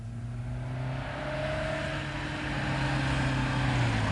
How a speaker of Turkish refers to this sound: Araba geldi